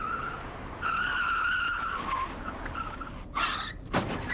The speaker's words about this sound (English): Oh, what are you doing? You ran right into that police car.